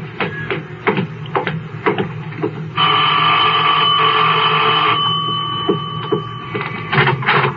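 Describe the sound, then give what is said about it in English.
A doorbell at an older, large boarding house, number 11920 on Walter Road, rings in one long, steady, loud electric ring lasting about two seconds, with scattered soft thumps and shuffling before and after it. No one speaks. “I'll get the bell.”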